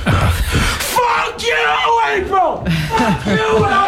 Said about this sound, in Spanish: Bueno, aquí está pasando de todo. Gritos, golpes. Sí, yo creo que el grito lo entiendes, ¿no?